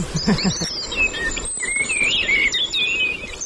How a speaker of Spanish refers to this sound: Mirlo común.